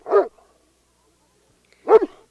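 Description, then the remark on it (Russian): A dog, Mishka, barks twice while straining at its leash, loud, each bark short and sharp, with a long silent gap between them. No one speaks. “Почему Мишка лает так сильно?”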